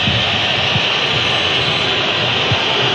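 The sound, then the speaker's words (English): Colombia supporters whistle during a football match against Uzbekistan: a dense, steady wash of crowd whistling fills a packed stadium, a shrill high-pitched din sustained throughout over a low rumble of crowd noise, with no talking. “You can hear the whistles from the Colombia supporters.”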